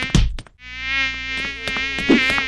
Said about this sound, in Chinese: 那人像你，省水省到不洗头，难怪招来那么多苍蝇。